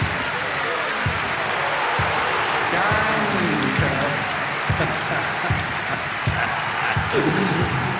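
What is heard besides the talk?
audience applause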